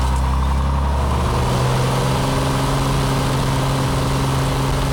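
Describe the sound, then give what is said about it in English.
The engine of a small six-seater plane flying a student to school drones steadily and loudly throughout, a continuous low hum with strong rumbling tones and a broad wash of noise, no voices. “It's a little plane. It only takes like 2 to 3 minutes.”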